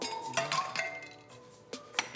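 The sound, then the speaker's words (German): Several ice cubes clink and knock against a glass in quick, irregular succession as a generous portion of ice is added to an NRW-Mule cocktail, bright, with a lingering ringing tone between the hits. “Eis, das darf ja nicht fehlen. Das mache ich mal. So eine ordentliche Portion.”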